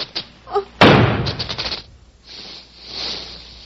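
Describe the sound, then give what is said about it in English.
A single loud gunshot, fired at a snake and killing it, cracks out sharply, its booming tail fading over about a second into low hissing noise. A brief, faint tonal sound comes just before the shot. “I shot the snake.”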